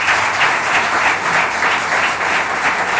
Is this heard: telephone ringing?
no